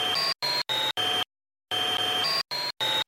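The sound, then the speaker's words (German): A vacuum cleaner hum, pitch-shifted in a music program, broken into short bursts with abrupt cuts and a longer gap midway, its steady drone stepping up and down in pitch between segments. “Ich nehme den Staubsauger-Sound und verändere hier die Tonhöhe.”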